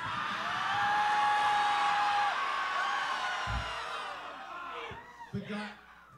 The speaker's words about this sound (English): We ask you, the audience, to scream as if you're in hell.